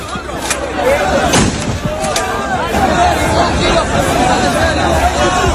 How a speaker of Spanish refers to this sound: Hubo nervios, avalanchas, la policía tuvo que actuar con disparos disuasorios al aire y acabó por desalojar la zona. No disparan balas, aclaremos, es material antidisturbios. Mira, este es el sonido.